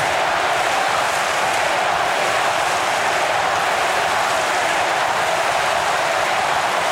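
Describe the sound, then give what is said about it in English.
A loud, steady roar from a big football stadium crowd during a match involving Brisbane. A dense wash of cheering holds without letup for the whole stretch, with no single voice standing out. “And listen to the crowd.”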